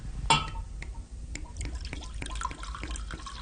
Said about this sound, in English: Now, normally what you would use is what's called a wine thief, which I think is rather nice. I'm just going to be a bit crude here and just pour it out into the glass.